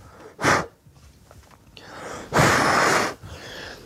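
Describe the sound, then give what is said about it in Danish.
Two breathy huffs of air blown onto a boot being polished at the Danish Livgarden: a short puff first, then after a pause a longer, stronger exhale lasting under a second. No one speaks. “Så jeg puster.”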